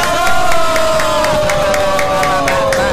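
A crowd claps in a steady, even rhythm, about three claps a second, applauding mothers on Mother's Day, while a loud, sustained tone slowly falls in pitch beneath the clapping throughout.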